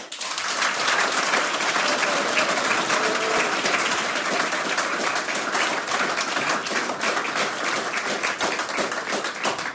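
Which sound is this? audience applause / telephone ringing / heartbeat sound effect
audience applause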